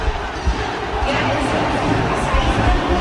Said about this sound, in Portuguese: Tentando entender o grito da galera.